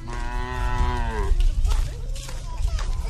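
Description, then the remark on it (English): A water buffalo being led home by an old woman in Hainan, a tropical island in southern China, lets out one long, drawn-out moo that sags slightly in pitch before breaking off, followed by a low, steady rumble of outdoor background noise. “An old woman, her back hunched from decades in the fields, leads her water buffalo home.”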